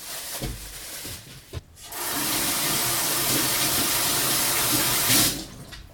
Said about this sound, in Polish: Wyjmuję mięso. Teraz muszę je starannie opłukać.